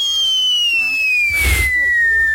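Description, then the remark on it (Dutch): A voice imitates a firework rocket: a long, steady whistle sliding slowly downward in pitch, with a breathy burst of hiss and rumble partway through, loud. “als klap op de vuurpijl kun je ook nog vuurwerk nadoen.”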